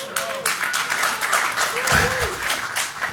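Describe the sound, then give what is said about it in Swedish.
An audience of the Swedish TV show Mosebacke monarki applauds in a steady, dense patter of clapping lasting a few seconds, with a few voices calling out faintly beneath the clapping. “Vi kollar liksom hur mossiga namn vi kommer kunna få applåder på.”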